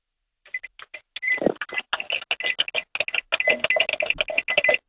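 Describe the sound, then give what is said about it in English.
A rapid, uneven string of short high electronic beeps from a microwave oven in a home kitchen, its keypad pressed again and again within five seconds for a radio contest, with a few longer tones mixed in and no one talking. “you have 5 seconds when I say so to go and make your microwave beep.”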